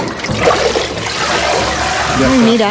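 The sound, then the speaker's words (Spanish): Water streams and patters steadily as it drains through the screen of a papermaking mould that has been dipped in water and lifted out, leaving a layer of pulp behind. It is a continuous trickle with splashy texture, and a voice briefly murmurs near the end. “Mira, ha metido la forma en el agua y al sacar, ha filtrado el agua y ha quedado el tejido, la pulpa.”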